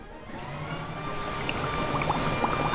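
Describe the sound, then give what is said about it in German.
A leaf blower roars steadily, its motor whining at a constant pitch over a broad rush of air, with faint spraying and splattering of water from a garden hose held in front of it mixed into the noise. “Jetzt hält er den Gartenschlauch vor den Laubbläser.”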